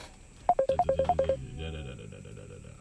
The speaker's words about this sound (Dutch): We krijgen een telefoontje binnen, even opnemen.